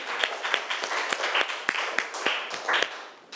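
A group of people clapping together, a dense patter of many hands with sharp individual claps poking through, steady and fairly loud for a few seconds before tapering slightly.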